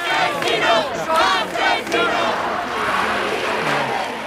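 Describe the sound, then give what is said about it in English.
A large crowd at a mass protest in Madrid over the eviction of an 87-year-old woman from her flat in central Madrid shouts and chants together in loud, rhythmic bursts, many voices rising and falling in unison over a dense, continuous roar of noise. “The trigger for this was a mass protest which took on sort of a national complexion related to the eviction of an 87-year-old woman”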